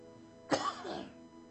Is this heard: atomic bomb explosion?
no